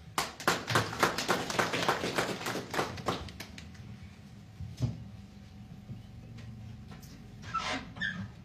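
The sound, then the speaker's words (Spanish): A crowd applauds to welcome engineer Edison Ancaya, who reports on a study of glaciers, with dense, steady clapping for about three seconds, then it thins out into a few scattered claps and a low murmur before fading. “A quien recibimos con fuertes aplausos.”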